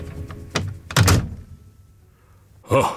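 door slammed shut

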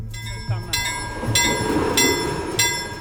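train passing on railway

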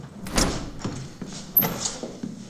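door opening

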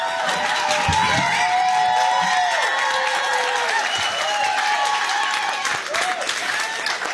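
audience applause and cheering

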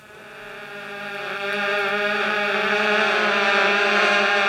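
wasps buzzing

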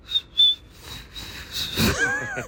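person whistling with lips

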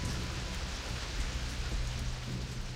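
heavy rain pouring down

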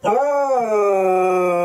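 dog howling and whimpering

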